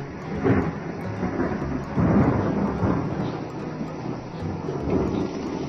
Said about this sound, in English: Call this first one a dark and stormy night. Have you figured out what's wrong yet? Yes, there was wind. And thunder.